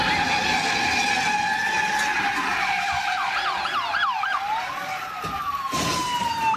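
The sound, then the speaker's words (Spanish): A loud police siren wails steadily during a police chase in North Hollywood after a stolen luxury car, then breaks into a quick run of rising yelps before settling back into a long wail, with a constant wash of traffic noise underneath. “en North Hollywood se llevó a cabo una persecución policial intensa, ya que un vato se robó un carro de lujo amarrado a su camioneta.”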